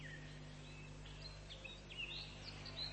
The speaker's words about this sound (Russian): Горехвостка обыкновенная. Отряд воробьиных. Подотряд певчих. Семейство дроздовых.